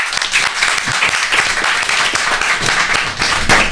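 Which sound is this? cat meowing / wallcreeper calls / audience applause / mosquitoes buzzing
audience applause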